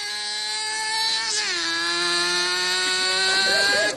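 The speaker's own car: a steady, buzzing engine hums continuously, its pitch dipping lower about a third of the way through and then holding a constant drone to the end.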